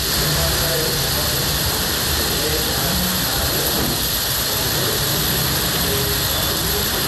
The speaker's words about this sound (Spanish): voy a callarme tantito para que se escuche el sonido de la lluvia.